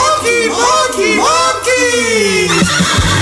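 A horse neighs loudly, a long shrill whinny with wavering, descending pitch that fills the whole few seconds, ending in a few snorting breaths.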